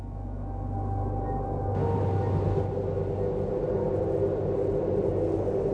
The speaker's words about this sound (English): This is just a way station. The train only stops here to let us off. Otherwise, it goes right through.